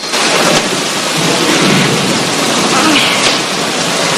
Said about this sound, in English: Joan forges on while the rain continues pelting down.